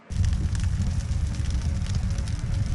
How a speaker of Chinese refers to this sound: 傍晚时分，日军停止了炮击，除了树枝燃烧的噼啪声，周围的一切显得一片寂静。